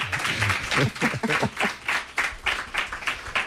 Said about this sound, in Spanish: Bueno, un aplauso.